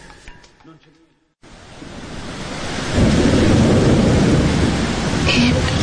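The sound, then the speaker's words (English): A brief voice gives way to a short silence, then heavy night-time rain rushes in and swells to a loud, steady roar, with deep thunder rumbling low beneath the downpour. “It poured last night. Did you hear? Did you hear the sound? It was like a revolution in the sky.”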